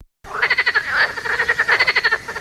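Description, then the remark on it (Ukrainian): A frog croaks in a rapid, rhythmic series of pulsing calls, loud, lasting a couple of seconds with no voices or other sounds around it, used in a radio advert for the Provesin residential quarter. “Місце, де ваші діти можуть побачити жабу не лише в телефоні.”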